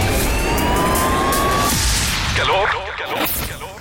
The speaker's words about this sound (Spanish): El sonido de la ciudad. Tráfico.